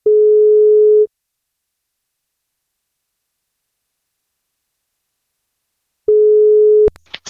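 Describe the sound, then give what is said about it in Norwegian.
A phone line's ringback tone as radio station NFM phones a listener for a birthday wake-up call: two steady, clear beeps about a second long with a long silent gap between them, then a few sharp clicks as the call connects. “Vi skal plukke opp telefonen og se om vi får tak I”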